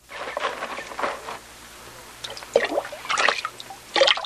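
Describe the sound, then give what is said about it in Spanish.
Water pours from a clay jar, spilling and splashing in uneven bursts, with a few gurgling pours broken by short pauses. Moderately loud, with no one speaking. “Por favor, déjeme beber un poco de agua de su cántaro.”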